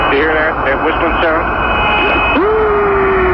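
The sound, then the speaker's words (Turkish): Eerie radio transmission sounds from the Apollo 10 mission on the far side of the Moon: warbling, whistling tones that swoop up and down over a steady hiss of static, then settle into a long, sustained siren-like whine that holds until the end. “Şimdi size o sesleri dinletiyoruz. Ayın karanlık yüzünden gelen sesler, bakalım nasıl seslermiş.”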